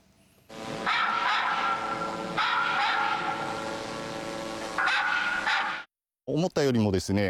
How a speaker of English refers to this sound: Loud noises, such as dogs barking, were projected from the drone.